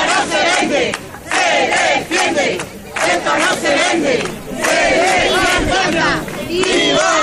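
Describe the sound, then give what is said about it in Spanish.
A large crowd of several hundred people chants and shouts together in loud, rhythmic bursts, many voices overlapping in a dense, continuous roar with brief dips between phrases, at a rally in support of Ceuta in the Plaza de la Constitución by the Puerta de Estepa, Antequera, Spain, many holding Spanish and Ceuta flags. “Pues resuena aún en Antequera el sonido de la multitudinaria concentración de ayer tarde en apoyo a Ceuta, un acto institucional convocado por el Ayuntamiento y que tuvo una respuesta contundente por parte de los ciudadanos.”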